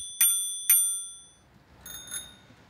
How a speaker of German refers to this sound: Kleines Klingelkonzert.